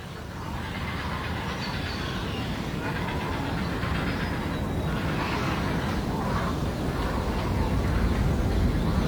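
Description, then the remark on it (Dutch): A grey heron colony with grown chicks in the Amsterdamse Bos, Amsterdam, keeps up a loud, continuous racket: many harsh, clattering calls overlap into a dense wall of sound with a rough, rumbling undertone, never pausing. “Weer een kabaal.”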